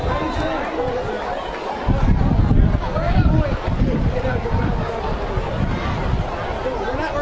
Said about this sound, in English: It's only water, people. Boy, the rain's coming down in sheets. It is.